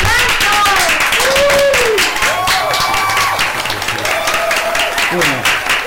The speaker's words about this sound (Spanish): ¡Aplausos!